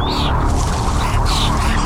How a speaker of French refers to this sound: J'ai fait un rêve dans lequel je me souviens qu'il y a des oiseaux.